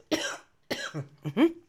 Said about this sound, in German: nur echt mit Husten, wisst ihr ja.